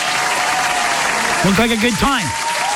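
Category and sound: sound effect, applause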